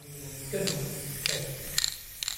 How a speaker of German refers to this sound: Die letzten Vorbereitungen laufen. Im Kunstmuseum der Kleinstadt Goch sprüht Thomas Baumgärtel sein sogenanntes Gaza Girl an eine weiße Museumswand. Ein Mädchen mit einer Palästina-Flagge.